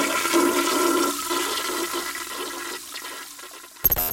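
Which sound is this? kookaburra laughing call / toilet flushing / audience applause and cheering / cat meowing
toilet flushing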